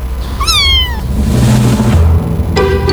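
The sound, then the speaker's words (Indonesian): A cat meows twice, first a clear, drawn-out meow that slides downward in pitch, then a shorter one near the end, both over a low background rumble. “Mulai dari mengeong, mendengkur, chirping, trill, hingga suara-suara unik lainnya.”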